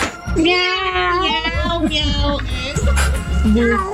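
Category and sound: animal, cat in heat meowing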